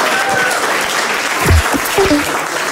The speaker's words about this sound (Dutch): Applaus voor Toby Alderweireld.